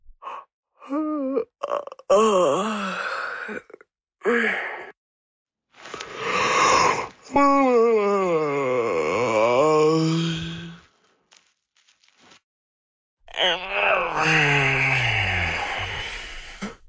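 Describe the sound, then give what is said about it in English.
A series of loud human yawns, a few short ones followed by long drawn-out yawns that rise and then slide down in pitch, separated by brief silences, with no talking. “The human yawn, a fascinating bodily function, whose function scientists have not figured out yet, at least not for sure.”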